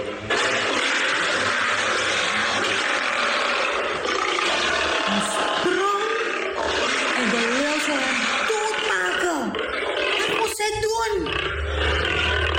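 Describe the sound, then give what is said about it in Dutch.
A lion roars loudly, a long series of deep, rumbling growls and snarling roars that rise and fall over a dense, noisy background throughout. “Vandaag kwam een leeuw brullend op hem af.”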